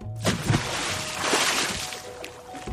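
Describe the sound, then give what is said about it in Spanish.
A loud splash as two girls plunge into a mansion's swimming pool, one pushing her friend in and jumping right behind, followed by churning, sloshing water that keeps bubbling and rushing for a couple of seconds with no voices. “La otra aplica la infalible técnica científica de empujar a su amiga y saltar inmediatamente detrás.”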